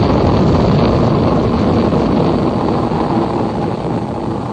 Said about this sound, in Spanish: Pocos segundos, el poderoso proyectil Mercurio multiplicó su velocidad y ascendió verticalmente, dejando una estela de humo blanquecino y espeso, así como llamaradas multicolores emanando de sus escapes.